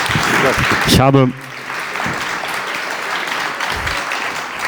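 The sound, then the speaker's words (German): Audience applause for the pianist fills the room in a steady, dense patter of many hands clapping, with a brief voiced shout or cheer early on before the clapping continues at a slightly lower level. “Nochmal einen großen Applaus für meinen Pianopartner, den Maestro ….”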